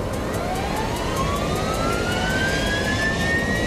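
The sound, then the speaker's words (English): Two helicopters arriving from town circle down to land for a pickup: turbine whine slowly climbing in pitch over a steady, heavy rumble with a faint rhythmic chop from the rotors, loud and continuous with no voices. “We gear up fast, and two helicopters arrive from town. They circle down to pick us up.”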